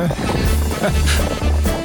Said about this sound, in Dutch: Oh, we zijn even paardenrace aan het houden, hoor.